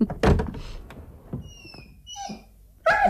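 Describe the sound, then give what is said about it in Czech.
A dog in a car gives a sharp bark, then lets out thin, high-pitched whimpers and whines before barking loudly again. No one speaks. “Neřekl jsem vám, že mám v autě taky psa a kočku.”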